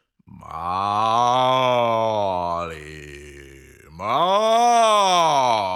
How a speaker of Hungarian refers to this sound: A tehén hangosan bőgi.